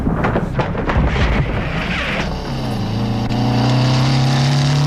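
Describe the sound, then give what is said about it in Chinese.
A motorcycle engine roars, its loud droning pitch climbing as the bike rides up and accelerates, arriving at a brick kiln in the evening, with windy rumbling at the start and no voices. “傍晚，廖飞骑着摩托车来到了砖窑前”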